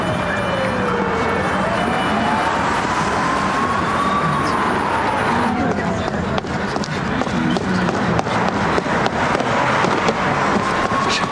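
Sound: fire alarm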